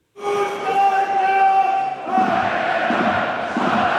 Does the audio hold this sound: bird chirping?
no